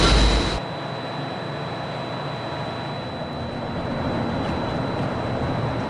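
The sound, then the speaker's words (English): A Walt Disney World Express Monorail train pulling away for the Transportation and Ticket Center: a steady, high electric whine rides over a constant rumbling drone, after a brief louder low thump at the start. No one speaks. “The monorail will depart momentarily for the Transportation and Ticket Center.”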